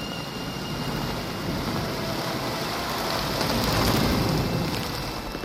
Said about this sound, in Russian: Дождь идет полосою косой, и любви запоздалая вьюга перемешана с этой грозой.